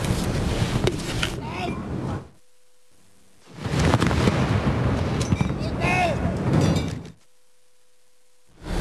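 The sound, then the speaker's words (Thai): Two heavy cannon blasts from a ceremonial gun salute fired to pay respect, cannons loaded with black powder or smokeless powder; each a loud booming report with a rolling rumble that fades over a couple of seconds, separated by a brief near-silent pause. “การยิงสลุดถือเป็นธรรมเนียมที่ทุกประเทศทั่วโลกได้ยึดถือสืบทอดกันมาแต่ครั้งโบราณเพื่อเป็นการแสดงความเคารพให้แก่ชาติหรือธงหรือบุคคลโดยยิงปืนใหญ่ด้วยดินดำหรือดินไม่มีควันมีจำนวนนัดเป็นเกณฑ์ตามควรแก่เกียรติหรือสิ่งที่ควรรับความเคารพ”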